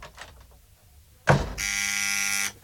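A single knock or thump lands, then a loud, steady electric door buzzer drones continuously for about a second at a closed door, harsh, with no one speaking.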